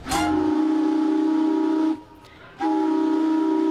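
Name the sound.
paddle steamer steam whistle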